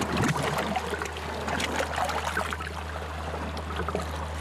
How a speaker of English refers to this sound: Water splashes against the faceplate.